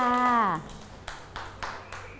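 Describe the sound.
A woman's voice speaks briefly, then children clap their hands in a short, loose patter of about five soft claps, slightly uneven in rhythm and fairly close by.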